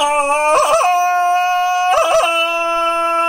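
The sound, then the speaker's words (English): A loud Tarzan-style jungle victory yell: one long, steady, high-pitched voiced cry broken twice by rapid yodelling warbles, ringing out alone with no talking. “Tarzan decided to use his victory call.”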